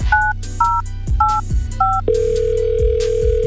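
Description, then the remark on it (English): Four quick keypad dialing beeps followed by a steady, sustained phone line tone as a radio morning show calls a ticket contest winner, all over a thumping music beat. “As a matter of fact, speaking of going to the phone lines...”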